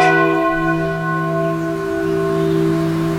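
A single bell at an old church on Highway 28 rings out loud, its deep tone sustaining with a rich hum of overtones that slowly fade over a few seconds, with no voices present.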